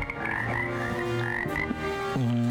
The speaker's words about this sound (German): Es ist eine Wiese in Südtirol. Woher, wo sie herkommen? Mit oder ohne Frösche? Mit Fröschen wahrscheinlich. Ja, da hören wir sie ja schon.